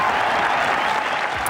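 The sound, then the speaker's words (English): A golf crowd cheers and applauds, a steady, dense wash of clapping and roaring that stays loud and even across the whole moment with no break. “And what a cheer.”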